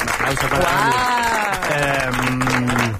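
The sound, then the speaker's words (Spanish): The studio audience of the Cadena SER show Al Baño María claps loudly and steadily for a few seconds, a dense, continuous wash of applause with excited voices calling out over it. “Un aplauso, por favor.”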